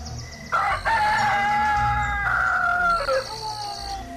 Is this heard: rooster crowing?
yes